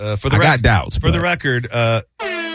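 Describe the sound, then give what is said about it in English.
A voice speaks with wavering pitch, then after a brief pause a flat, brassy sad air horn sound effect blasts loudly, cut off after a short moment. “This is the sad air horn.”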